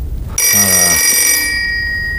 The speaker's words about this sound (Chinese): 现在哪有时间接电话呀？